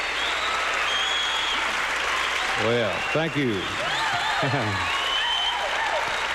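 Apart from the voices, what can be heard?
audience applause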